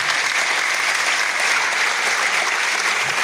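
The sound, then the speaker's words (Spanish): An audience applauds the event's organizers, the Asociación de Amistad Canario-Cubana José Martí and the Asamblea Antiimperialista: a dense, even wash of many hands clapping at constant loudness for a few seconds, with no voices rising above it. “Les pido un aplauso para estas personas.”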